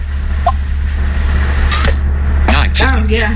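A car's fingerprint-unlock chime: a short tick, then a quick run of bright electronic tones that bend and warble, all over a steady low droning hum.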